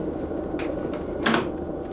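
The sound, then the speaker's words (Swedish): Simulated helicopter sound, played as part of a rescue simulation set around Fjällbacka: a helicopter passes overhead with a steady low, throbbing rotor rumble with a faint rhythmic pulse, plus a brief brighter knock partway through. No one speaks. “Vi hör helikoptern ovanför oss.”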